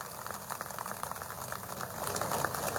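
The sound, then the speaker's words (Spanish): A crowd applauds for Evo Morales, clapping steadily, a dense crackle of many hands that holds throughout and swells slightly louder toward the end, with no voices standing out. “Pido un aplauso para Evo Morales.”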